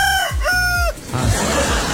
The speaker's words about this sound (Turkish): Arkadaşlar, hatta ne oldu? Horozun sesi.